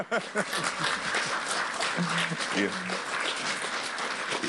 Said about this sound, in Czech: Jenom mluvit o tom vede ke tleskání.